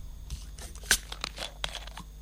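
A plastic water bottle being opened for a hydration break: a quick run of quiet crackly clicks and crinkles as the cap twists, with one sharper snap partway through and no voices.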